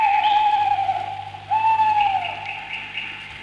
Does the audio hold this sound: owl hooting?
yes